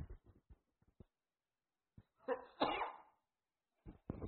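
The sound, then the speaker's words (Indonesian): A single loud sneeze bursts out with a sharp inhale just before it, framed by a few soft clicks and small mouth sounds before and after. “Alhamdulillah. Yahdikum Allah subhanahu.”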